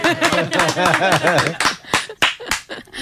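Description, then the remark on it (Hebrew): A short burst of voiced laughter gives way to a few scattered, sharp hand claps, fairly loud, spaced irregularly rather than forming sustained applause. “לנו לא מוכרים כפיים, זה עצור.”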